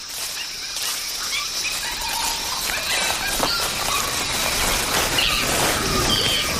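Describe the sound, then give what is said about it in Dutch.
A group of early great apes in a subtropical, forested world 15 million years ago screech in a chorus of shrill, overlapping high-pitched cries that rise and fall over a steady hiss of background noise, continuous for several seconds with no one speaking. “We horen echt overal om ons heen geluid, hè? Ja, ze zijn al flink aan het krijsen.”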